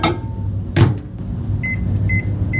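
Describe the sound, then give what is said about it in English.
A microwave oven hums steadily, with a brief clunk early on, then a run of short, high electronic beeps near the end as it keeps whirring. “fish is fine as long as it doesn't go near a microwave.”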